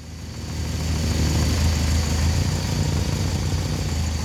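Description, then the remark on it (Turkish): The carburetor engine of a Jensen idles steadily with a low, even rumble and faint mechanical rattle, holding a constant pitch throughout, after its idle setting has been adjusted using a flow meter. No one speaks. “Şimdi de rölanti ayarını düzelteceğim.”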